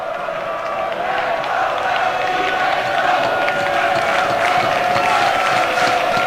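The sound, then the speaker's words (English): A large baseball stadium crowd, worked up after back-to-back home runs, roars steadily throughout, a dense wash of cheering and chatter with scattered claps and whistles, loud and continuous with no single voice standing out. “The back-to-back home runs have definitely gotten the crowd worked up.”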